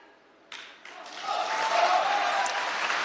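Audience applause at a xiangsheng (crosstalk) comedy performance starts abruptly after a brief hush, then swells into dense, steady clapping that stays loud to the end, with a faint crowd murmur mixed in.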